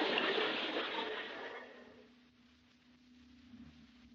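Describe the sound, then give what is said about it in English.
A loud surge of rushing, churning water from a swift river current near a waterfall sweeps through at the start, then fades over a couple of seconds into a low, steady rumble, with no voices. “Chuck's in the water. The current is swift. He'll be carried over by the falls.”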